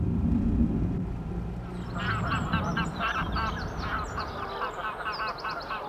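A flock of geese at a lake where they nest honks repeatedly from about two seconds in, their overlapping calls forming a busy chorus over a steady low rumble of wind or water.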